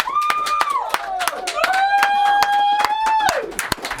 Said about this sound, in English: to open the door and lend in a round of applause for our fantastic live session just now, performed by our live band